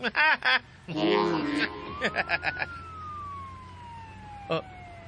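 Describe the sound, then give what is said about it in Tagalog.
A police car siren, with police giving chase, rises and then slowly falls in a long wail, preceded by a burst of short, choppy electronic yelps and clipped bursts. “Kay may mga pulis na usab nga migukod ka na mo karon.”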